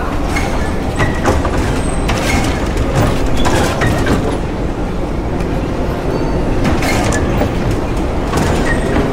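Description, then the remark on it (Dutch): A metro train heading to Kunstwet station rumbles steadily along the rails, loud, with a continuous low roar and scattered metallic clicks and squeals throughout. No one speaks. “Dus dan moeten wij de metro nemen naar Kunstwet.”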